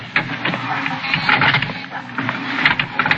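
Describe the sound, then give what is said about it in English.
An elevator motor whirs with a rapid series of clicks and rattles, steady and fairly loud, while a strained grinding runs underneath as the elevator door strains against resistance but stays open, in an apartment house. “And the motor clicked and the door strained but stayed open.”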